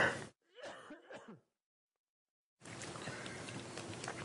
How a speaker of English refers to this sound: I just need to have a cough.